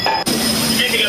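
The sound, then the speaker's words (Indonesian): A loud fire alarm sounds continuously during a fire at the Bina Nusantara (BINUS) campus in Kebon Jeruk, West Jakarta, as smoke fills the fourth floor; its steady, piercing electronic tone holds throughout with a brief dip near the start, then carries on without pause. “Alarm tanda bahaya meraung keras saat kepulan asap menyelimuti lantai 4 kampus BINUS di Kebonjeruk, Jakarta Barat.”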